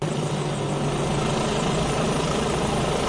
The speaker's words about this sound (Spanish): Un ir y venir de helicópteros desde que ha amanecido, lo relataba una de las vecinas. Andan los helicópteros viaje y viaje, pero de continuo, como tiene que ser, porque si no, no lo quitamos.